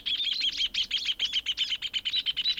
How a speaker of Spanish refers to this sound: Y si escuchan con mucha atención, se darán cuenta que todas tienen su propia canción. El chingolo, el venteveo, el zorzal y el hornero.